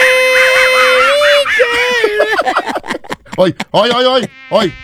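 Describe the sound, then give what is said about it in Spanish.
A voice in a broadcast booth mimics a mosquito's whine while singing, a sustained nasal buzzing tone that wavers in pitch before breaking into choppy, fluttering bursts, fairly loud. “¿Quién es un zancudo? Soy yo cantando.”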